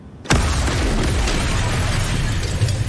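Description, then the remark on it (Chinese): The first of two explosions: a single loud explosion erupts after a brief moment of quiet, then gives way to a dense, sustained roaring rumble with heavy low-end that continues to the end. No voices. “这是第一次爆炸，接下来是第二次， 10:30第二次。”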